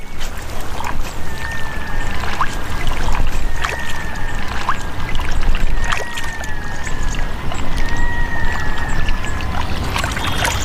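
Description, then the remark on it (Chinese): Steady, heavy splashing and sloshing of water as a female brown bear bathes in a pond, with repeated sharper splashes breaking through and faint thin whistling tones drifting above. “雌性棕熊洗澡时还可以吃点零食，池塘里的水草富含矿物质，对棕熊来说是有益健康的食物。”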